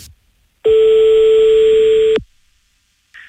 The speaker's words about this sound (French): Et là, on passe un coup de fil donc au régional de l'étape.